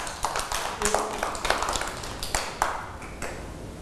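A group of children clap together in a loose, uneven patter of sharp claps that continues steadily for several seconds at moderate loudness, with no clear speech over it.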